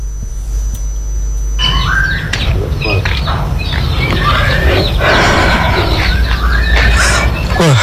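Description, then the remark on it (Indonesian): A white-rumped shama (murai batu) sings loudly at a murai batu breeding farm in Lampung, Indonesia, after a brief quiet start, its whistles and sharp squawky notes tumbling over other chattering birds and a steady low rumble. “Provinsi Lampung merupakan salah satu daerah di Indonesia yang terkenal dengan kualitas burung murai batu yang menjuarai event nasional”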